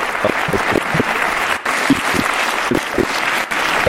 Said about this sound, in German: Einen großen Applaus